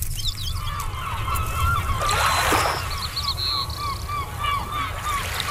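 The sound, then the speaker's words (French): A flock of seagulls, seabirds of the Laridae family, calls out in overlapping, repeated cries over a steady wash of water, with a brief splashing burst midway and no voices. “Cet oiseau de mer de la famille des Laridés n'est pas que le surnom d'une amie chère ou le voleur de miettes d'une île Grenville.”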